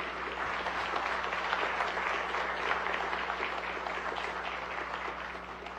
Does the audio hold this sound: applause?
yes